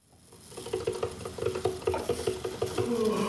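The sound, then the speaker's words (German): A coffee machine runs steadily in Hamberge in southern Schleswig-Holstein, its pump chugging in a quick, regular rhythm with a faint gurgle and hiss building toward the end. No one speaks. “Die Kaffeemaschine läuft, aber der Tag will nicht in Schwung kommen.”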